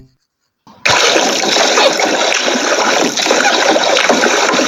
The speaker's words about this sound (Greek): Παιδιά, να σας πω την αλήθεια, με το που το ακούω καταλαβαίνω ότι είναι νερό. Ακούω όμως και κάποιους ήχους σαν πλατσουρίσματα, κάποια παιδιά να παίζουν. Οπότε μήπως βρισκόμαστε στη θάλασσα? Ακριβώς, βρισκόμαστε στη θάλασσα